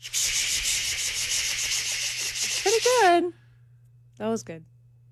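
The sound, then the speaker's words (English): A voice imitates a cicada with a loud, raspy, high buzzing that pulses rapidly for about three seconds, ending in a rising vocal whine; a short voiced squeak follows after a pause. “hearing loss and even required medical treatment after being exposed to high-pitched cicada sounds for over 4 hours.”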